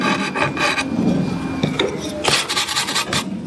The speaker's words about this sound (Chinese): 我们看到这现在这个师傅啊，正在我们旁边坐上这个雕花了。他做的是什么部分啊？ 这个是一个圈椅的靠板